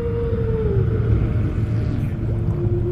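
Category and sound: animal, humpback whale song underwater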